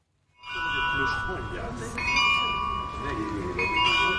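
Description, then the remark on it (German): Carillon bells play a chiming melody outdoors in front of the Nikolaikirche in Berlin-Mitte on the full hour, several overlapping tones sustaining and layering at a steady moderate loudness, with a faint background murmur beneath. The carillon was made for the rebuilding of the Nikolaiviertel shortly before the end of the GDR. “Das ist das Glockenspiel, mit dem die Besucherinnen und Besucher zur vollen Stunde draußen vor der Tür erstmal begrüßt werden.”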